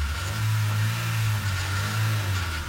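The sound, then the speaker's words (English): A car engine roars loudly, a deep steady growl held for a few seconds as it revs and pulls away, with no voices over it. “And drive out with the one you want to drive every second.”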